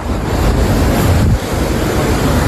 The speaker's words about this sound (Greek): Οχήματα παρασύρονται στη θάλασσα από τα ορμητικά νερά του Γουβιανού ποταμού που υπερχείλησε. We are coming from the breakfast and then the water comes and we are on the bridge and then the cars are coming and then the water and the cars are crashing